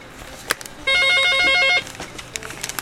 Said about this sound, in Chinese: 那这个来，我先听电话先哈。